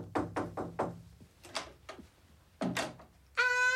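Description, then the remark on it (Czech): Three quick, sharp knocks on a wooden room door, followed by a few heavier thumps and a short ringing tone at the very end. “Běž k němu do pokoje. No, hezky zaklepej.”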